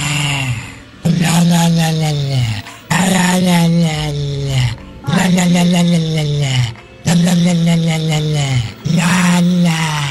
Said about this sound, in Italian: Wender ha trovato su Instagram il video di un cane che ringhia e la padrona gli muove la bocca facendogli emettere questi suoni.